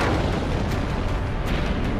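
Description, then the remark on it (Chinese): China's first atomic bomb detonates over Lop Nur on 16 October 1964, a massive explosion rolling on as a deep, continuous roar, loud and heavy in the low end, sustained without pause for the whole stretch, with no voices present. “1964年10月16号，罗布泊上空升起了一朵火红的蘑菇云，中国第一颗原子弹爆炸成功。”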